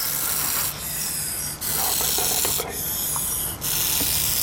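A dry, rattlesnake-like buzzing rattle from a young, non-venomous úžovka sanmartinská snake vibrating its tail tip while raising the front of its body to deter a predator, a steady rasping hiss that runs the whole time with a few brief dips. No one speaks.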